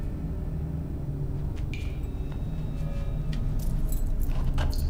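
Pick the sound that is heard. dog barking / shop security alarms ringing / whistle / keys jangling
keys jangling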